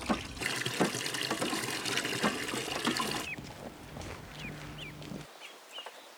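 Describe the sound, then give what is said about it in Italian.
Water splashes and churns steadily for about three seconds, then settles into softer sloshing with a few high, thin chirps over it, as young ducks are placed in a farm drinking trough for their first swim. “Le giovani anatre non hanno mai visto l'acqua, ma non appena vengono appoggiate sulla superficie liquida, si trovano subito a loro agio.”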